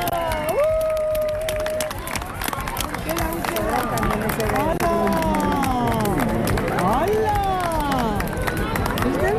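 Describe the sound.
A large crowd cheers and whoops continuously while doing a wave, with many voices swooping up and down in pitch over a steady roar of babble and some scattered clapping.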